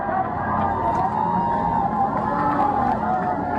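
A large outdoor crowd on the square before Saint-Étienne Cathedral in Metz, France, roars and cheers, acclaiming the Pope as he leaves the cathedral after mass, in a steady, dense wash of voices with possible applause, holding loud and unbroken throughout without any single speaker standing out.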